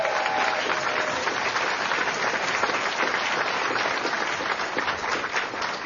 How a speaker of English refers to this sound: A round of applause